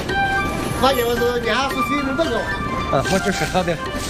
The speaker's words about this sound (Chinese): 每经一站，上车的农特产就会多上几样。卖点儿，再买点儿。前往县城市场的路上，火车变身，移动的菜市场。